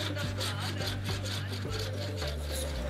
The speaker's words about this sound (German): Und jetzt wird der Vaserand angeschnitten.